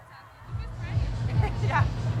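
A festival crowd at the Bühne Ost (East stage) roars as a steady wash, with shrill screams and whistles rising out of it, growing louder over a couple of seconds above a constant low rumble.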